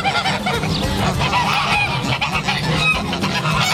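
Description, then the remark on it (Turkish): A crowd of geese and other farm fowl on a farm in Çubuk that keeps goats, sheep, chickens, ducks and turkeys honk and call over one another, a dense, continuous din of overlapping cries with no pauses. “keçimiz var, koyun var, tavuğumuz var, ördeğimiz var, işte hindimiz var.”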